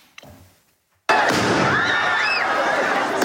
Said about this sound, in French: Des tirs de mortier entraînent un mouvement de foule dans le quartier Saint-Germain.